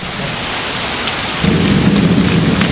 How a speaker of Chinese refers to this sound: 外面下雨了，大伙儿都利索一点，把道具服装箱保护好啊。